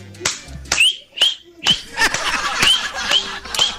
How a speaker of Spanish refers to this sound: Con esa chifleadita suya, ganamos, ganamos, ganamos.